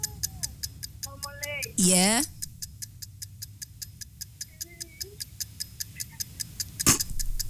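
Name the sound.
ticking countdown clock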